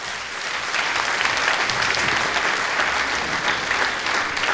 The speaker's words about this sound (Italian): Un grande cuore a Carlo che vi è di sicuro stolz di udare che si festival vainant con successo. Un applauso a Carlo Villait.